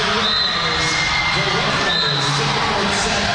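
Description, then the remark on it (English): A large Grand Forks Red River student crowd cheers and shouts continuously as it comes onto the floor after the Rough Riders win a volleyball match 25-15 in the fourth set, a dense, loud roar of many voices with scattered high whoops and screams rising over it throughout. “You can see the Red River crowd coming out onto the floor. The student section emptying out.”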